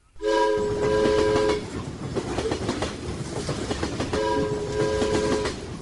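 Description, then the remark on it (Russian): An Intercity train rolls loudly along the rails at night with a steady rumbling clatter, and two long horn blasts sound, one at the start and another near the end. “Ночью, сидя в купе первого класса Интерсити поезда, он еще раз прокручивал перед своим мысленным взором прошедшие часы.”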